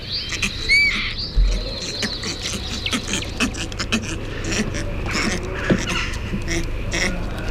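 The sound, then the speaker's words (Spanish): Northern bald ibises, an endangered species, give low, purring, gurgling calls that run continuously, with scattered higher chirps and clicks from other birds mixed in. “Este sonido no muy agraciado es el ronroneo, el gorgoteo del ibis eremita, que es un ave en peligro de extinción, que está siendo objeto de un programa de reintroducción.”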